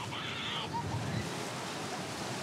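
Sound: ocean waves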